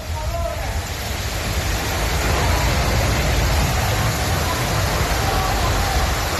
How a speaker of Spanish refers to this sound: Es la tromba de agua que ha caído esta tarde por un reventón térmico que ha dejado granizo y muy fuertes rachas de viento de hasta casi 150 kilómetros por hora en Alcira, en la Ribera Valenciana,